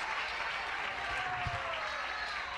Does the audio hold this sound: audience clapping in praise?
yes